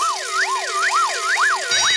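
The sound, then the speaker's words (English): A loud wailing warning siren sound on a radio show, signalling the Happy Hour pop puzzle, sweeps steadily up and down in pitch, repeating its rising-falling cycle about every quarter second, with no voices over it. “And that warning sound tells us that our fiendishly difficult Happy Hour pop puzzle will be coming your way right after the next track.”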